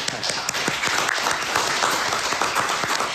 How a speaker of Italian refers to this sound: Non sto dicendo che non è frequente in assoluto, però vabbè, l'applauso comunque lo lascerei fare, ecco.